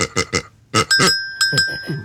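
A small hand bell rings a couple of times, its bright metallic tone lingering briefly between loud voices talking over it.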